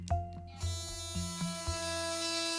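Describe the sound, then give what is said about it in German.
An electric toothbrush with an LCD mode display buzzes steadily in its clean mode, with a few quick pulsing surges in its first second and a half before settling into an even drone. No one speaks. “So sieht man, in welchem Modus sich die Zahnbürste gerade befindet. Zuerst der Clean-Modus.”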